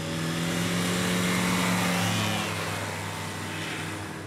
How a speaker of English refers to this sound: An electric aircraft leaves the ground. That's followed by a fuel-powered aircraft.